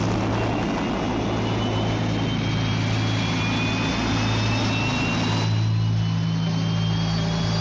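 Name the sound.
aircraft taking off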